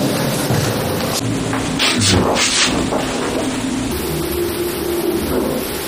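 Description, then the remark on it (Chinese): A steady low electrical hum from a running residential building elevator, heard in a home through the kitchen wall beside the elevator, sits under a constant rushing hiss, with a few brief swells of noise midway and no talking. “我们可以看一下啊， 只要电梯不运行，这声音就没有；只要一运行，家里就有着嗡嗡的声。”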